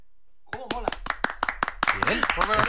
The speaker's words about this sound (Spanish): ¿Estabais tardando en dar un aplauso a Vitalden? Claro que sí. Muy bien.